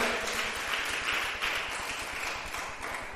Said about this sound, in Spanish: Démosle un aplauso al Señor, nuestro Dios. Aleluya.